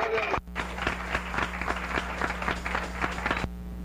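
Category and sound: crowd, audience applauding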